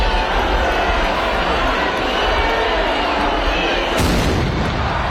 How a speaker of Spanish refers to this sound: Con este cañonazo se abre una semana de fiestas